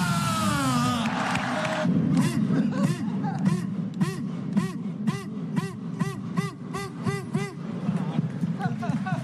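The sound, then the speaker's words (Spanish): A big crowd of Deportivo de La Coruña football fans chants "estamos de vuelta" in loud, rhythmic unison, shouting about a dozen evenly spaced syllables over a constant roar of voices in Plaza María Pita in A Coruña, celebrating the club's return to the first division. “Coruñeses, deportivistas, gritar conmigo, ¡estamos de vuelta!”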